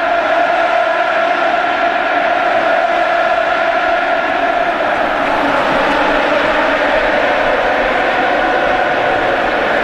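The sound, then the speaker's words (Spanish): A large stadium crowd roars and applauds continuously, a dense, steady wall of emotional cheering that swells slightly midway, honouring former players who played the Champions League 20 years ago; Joaquín applauds in the stands. “Joaquín, que está en la grada aplaudiendo. Muy emocionado, así suena.”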